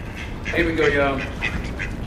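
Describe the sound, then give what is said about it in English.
Several ducks quack in short, nasal bursts over a background of people talking and general room noise, as they are led from the roof to an elevator for their morning march into a lobby. “He leads the ducks to the elevator, signals to the lobby to start the John Philip Sousa music.”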